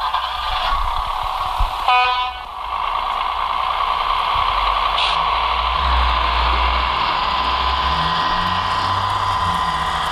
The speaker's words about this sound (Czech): Který vlak právě odjíždí. Vy znáte se v těch typech?